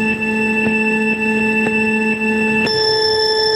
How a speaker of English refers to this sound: you're going to hear a countdown. A few little buzzers. As soon as it goes, you start going, okay?